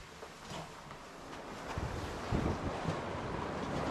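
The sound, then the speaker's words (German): Strong storm wind on the coast of Greenland, measured at 80 to 90 km/h, roars steadily, with heavy low buffeting gusts swelling and easing over a broad hiss. There is no talking. “Und wenn man rausguckt, dann sieht man auch schon, ja, da ist Wetter.”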